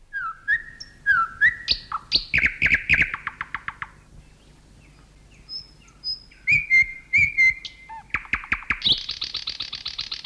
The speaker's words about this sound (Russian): Когда слушаешь соловья, всегда поражаешься силе и широте диапазона голоса этой маленькой птицы.